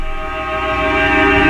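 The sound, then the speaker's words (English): A loud, steady chord of several altered car horns drones without a break at the opening of a rock song, deep and slightly rising in volume, its layered tones blending into one sustained blare with no voices. “These are all car horns to kick off the song.”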